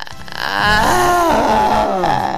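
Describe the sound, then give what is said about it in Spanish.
A voice imitates a boy's delayed crying, where the mouth opens first and the cry comes after: a drawn-out wavering wail that swells after a short lead-in and holds loud for about two seconds, with no other talk. “Ese llanto, tú sabes, ese llanto que se queda atrasado. Que primero abre la boca, el pelado abre la boca primero y atrás que viene ya.”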